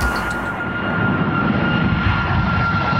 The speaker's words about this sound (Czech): Občas nám nad hlavami proletí letadlo.